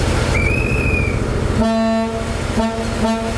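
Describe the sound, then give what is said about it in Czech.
The horn of the historic Delfín diesel train set, on a sightseeing ride on Czech rails, sounds one steady, buzzy toot, then two short blasts, over a low engine rumble; a thin high whistle glides briefly just before. “Historickou dýzlovou soupravu Delfín můžete na českých kolejích potkat až do neděle, kdy se z Prahy bude vracet přes Liberec do Německa.”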